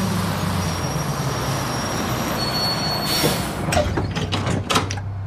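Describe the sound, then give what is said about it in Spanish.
A bus rumbles as it pulls up, then a pneumatic hiss and a run of mechanical clunks as the driver opens its automatic doors, with no voices. “La mujer embarazada se levanta cuando se acerca un autobús. Toma su bolso y el conductor abre las puertas automáticas.”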